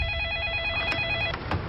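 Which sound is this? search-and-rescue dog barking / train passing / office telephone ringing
office telephone ringing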